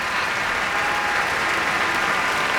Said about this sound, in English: Now Teddy Abrams asking many people to be acknowledged for their contributions. Big cheer for Vicky Garcia there.